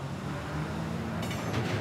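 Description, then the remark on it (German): A freight train carrying containers from Sweden, brought by a Stena Line ferry, departs on time toward Central and Southern Europe, rumbling steadily with a deep, continuous drone, and a brief high metallic hiss of wheels or brakes rises near the end. No one speaks. “Heißt, der Zug kann pünktlich abfahren.”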